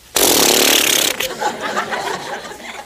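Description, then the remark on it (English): A voice imitates an elephant spraying water from its trunk with a loud, steady hissing spray lasting about a second, then breaks off into softer breathy noise and chuckling. “And the elephant had a big trunk.”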